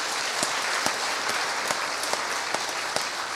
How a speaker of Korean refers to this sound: 여러분 따뜻한 박수로 맞이해 주시기 바랍니다.